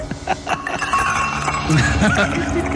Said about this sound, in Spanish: Con los vasos. Con los vasos, sí, está con los hielos y los vasos.